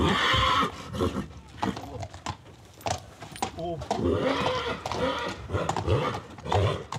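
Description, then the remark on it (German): A purebred Hanoverian stallion, born on Norderney, neighs with a wavering, rising whinny as he arrives back home, surrounded by people talking and faint hoof clops. “Der reinrassige Hannoveraner Hengst ist zurzeit das erfolgreichste Pferd aus dem Stall der Insulanerin.”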